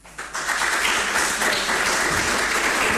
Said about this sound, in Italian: Io qui, prima di concludere i nostri lavori, il nostro tavolo di oggi, ho l'onore di invitare qui sul podio l'onorevole Luciano Nobili, Presidente Commissione Speciale PNRR e Grandi Eventi del Consiglio Regionale del Lazio, con un grande applauso.